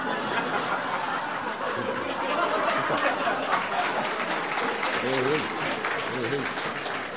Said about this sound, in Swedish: Tack så hjärtligt för den applåden.